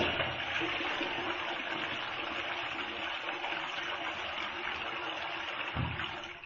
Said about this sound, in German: nicht sendefähig und deswegen gibt es nun die Klospülung.